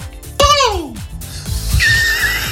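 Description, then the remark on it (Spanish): A person imitates a peacock's call with one loud, shrill, wailing cry that slides downward, followed by a moment of quieter talking and a thin high tone. “¿Tú sabes cómo hace el pavo real? Yo me viene a la mente un sonido como así, en plan...”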